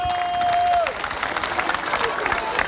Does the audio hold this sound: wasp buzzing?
no